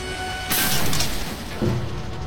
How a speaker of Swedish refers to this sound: Ett knak hörs när raketen tar i mark.